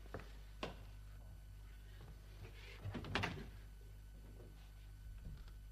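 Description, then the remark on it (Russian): A few muffled knocks on a door, faint and irregular: a single rap, then a short cluster of raps, with quiet, low hum between them and no voices. “Стучат.”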